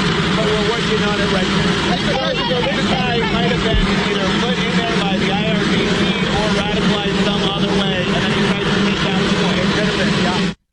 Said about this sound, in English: All right, so kind of hard to hear there with the plane in the background